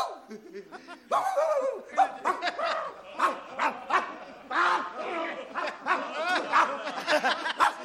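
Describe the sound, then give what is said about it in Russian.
A person imitates a barking dog, letting out a rapid run of loud woofs and yaps for several seconds, with a hint of chuckling mixed in. “Видал какой? Ну, настоящая собака, настоящая.”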